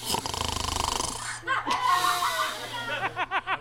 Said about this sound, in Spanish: No, y aquel vecino del segundo ronca mucho.